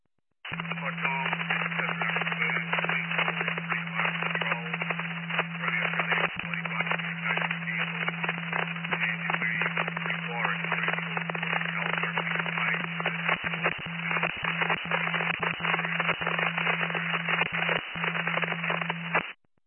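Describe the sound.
A garbled, broken two-way radio transmission: a distorted, unintelligible voice chopped up by crackling static over a steady electrical hum, loud and continuous for nearly twenty seconds.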